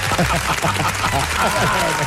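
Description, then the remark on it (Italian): A dense wash of clapping from an audience, steady and fairly loud for the whole moment, with voices talking and calling out over it. “Un applauso.”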